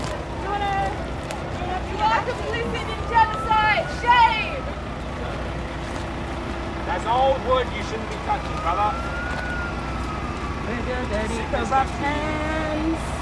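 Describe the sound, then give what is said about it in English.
A fire truck siren wails in slow rising and falling sweeps, steady, over a busy outdoor background with people talking and shouting. “Oh, here comes fire truck! Here comes fire truck!”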